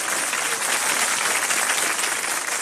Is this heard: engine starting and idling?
no